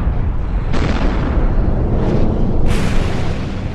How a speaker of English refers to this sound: The explosion was enormous. The ground rumbled and shook, lava rolled down the sides of the mountains, and a huge cloud of dust, ash, and gas shot up into the sky.